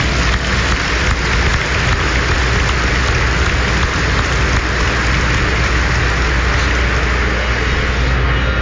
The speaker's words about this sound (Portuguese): Sejam todos bem-vindos, bem-vindas, e vamos acolher bem com muita alegria a todos com a calorosa salva de palmas.